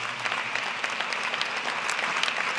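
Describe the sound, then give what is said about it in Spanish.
An audience applauds together, a dense, steady patter of many hands clapping at once that holds evenly for a few seconds with no voices standing out. “Dele un aplauso al amor de Dios manifestado en Cristo Jesús.”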